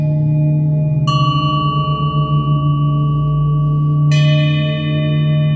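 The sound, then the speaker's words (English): Two bell strikes, about three seconds apart, each leaving bright metallic overtones that ring on and slowly fade over a steady low humming drone, with no voices. “But is it chance that these bells, these notes, should harmonize with the outside drilling?”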